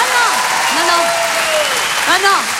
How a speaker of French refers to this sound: Merci et applaudissements pour ma meilleure amie, Anne Roumanoff.